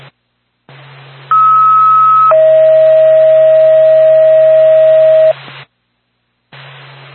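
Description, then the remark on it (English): NORPAC dispatch radio alert tones for Whitefield Ambulance: a steady higher beep for about a second drops straight into a longer, lower sustained tone, both loud and clear over a hissing, humming radio channel with no talking. “NORPAC to Whitefield Ambulance, standby for tow.”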